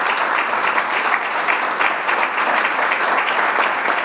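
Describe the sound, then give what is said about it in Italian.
Steady audience applause, a dense wash of many hands clapping at a constant, fairly loud level throughout, with no voices standing out. “Allora, intanto ti facciamo un applauso,”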